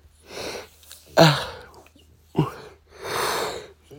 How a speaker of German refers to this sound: Ein bisschen gähnen muss sein.